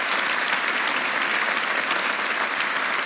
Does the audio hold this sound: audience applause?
yes